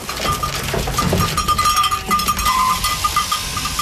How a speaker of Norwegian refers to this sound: I Viksdalen I Sunnfjord står sauene I kø for å få klippet av seg gullet.